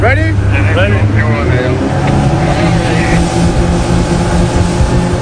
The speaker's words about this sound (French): L'Ocean Viking se prépare pour le sauvetage. Ni une ni deux, trois canots à moteur sont envoyés à l'eau.